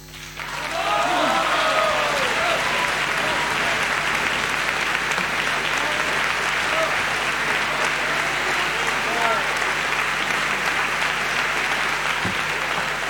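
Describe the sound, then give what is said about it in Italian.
Sustained, dense applause from a large audience at the Verdi theatre in Trieste for Ettore Pagano at the end of his performance, steady and loud after a quick swell at the start, with faint voices and occasional cheers mixed into the clapping. “lo sentiamo in sottofondo, iniziamo dalla fine, iniziamo dagli applausi tributati al Verdi di Trieste, ad Ettore Pagano, alla fine della sua straordinaria, dico straordinaria perché fuori dall'ordinario, esecuzione”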